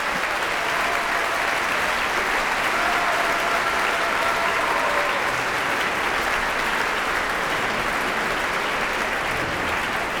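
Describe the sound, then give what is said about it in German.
Sustained, steady applause from a large concert audience at a Vienna Philharmonic subscription concert, calling conductor Esa-Pekka Salonen back to the stage for a curtain call; a dense wash of clapping that holds at an even level for the whole stretch, with faint crowd murmur and no distinct talking. “Es gibt immer einige im Publikum, die den Dirigenten dann noch einmal auf die Bühne bitten.”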